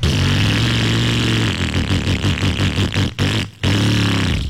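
An old motorcycle engine sputters and revs, its loud, rough exhaust rising in uneven bursts with a few brief cut-outs before roaring again.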